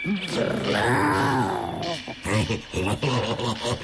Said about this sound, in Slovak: Čo to? Ona tuším vrčí. A zakráda sa ako...